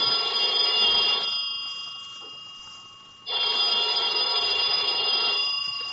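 An old-fashioned telephone bell rings loudly around noon, a call from the clerk downstairs left unanswered, in two long bursts separated by a pause of about two seconds, with a bright metallic jangle and no one talking.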